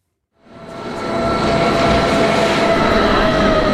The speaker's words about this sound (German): Der Bahnhof Eigergletscher sieht aus wie eine S-Bahn-Station. Einfach 2300 Meter über Meer. Die Zahnradbahn von Wengen her kommt an.